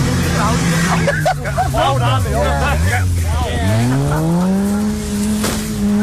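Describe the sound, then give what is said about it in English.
Car engines rev and rise in pitch while tires squeal and skid in wavering bursts as cars are skidded around a farmer's field in County Durham, England. The sound is loud, with a murmur of voices from onlookers underneath. “Last night, people skidded cars around a farmer's field in County Durham, paying tribute to Michael Cahill, one of the young men killed in Saturday's A66 crash.”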